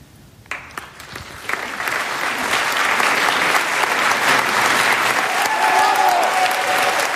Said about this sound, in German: Das ist der Applaus für Jens Harzer. Er war gestern Abend beim Hamburger Theaterfestival im Thalia Theater zu erleben in Oscar Wildes De Profundis.